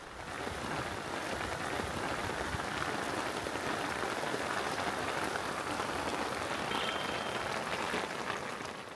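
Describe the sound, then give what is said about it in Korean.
Heavy afternoon rain pours steadily onto hard surfaces in Srinagar, a dense, continuous hiss and patter that stays loud and even throughout, with no voices. “그날 오후 거센 비가 그치고 스리나가르 구시가지로 향합니다.”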